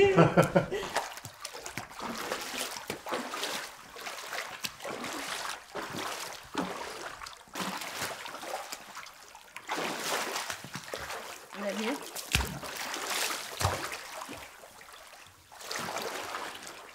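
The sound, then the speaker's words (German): Water splashing in a new open-water studio pool without edges or tiles, during the first acoustic test of the studio at the end of August, with irregular bursts of sloshing and spattering that rise and fall steadily across the whole stretch, and a faint chuckle or voice now and then underneath. “Also es klingt halt tatsächlich nach offenem Wasser.”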